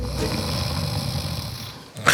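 A steady, rumbling snore drones low for about two seconds, then cuts off abruptly with a brief sharp sound at the end.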